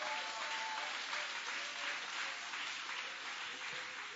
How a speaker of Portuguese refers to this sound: Pode sentar e bater palma para Jesus. Mais forte as palmas para Jesus.